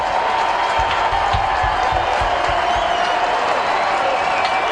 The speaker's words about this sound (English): And sinker makes it nothing and two, and the Braves down to their final strike. Saturday afternoon crowd of 35,140 rising.